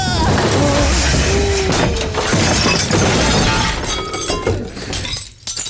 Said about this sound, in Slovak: Ale sme tomu dali. Celé veko rozbité.